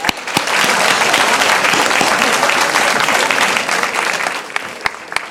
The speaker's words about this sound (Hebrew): להרים יד גבוה, שנראה. יפה, מחיאות כפיים, מגיע לכם.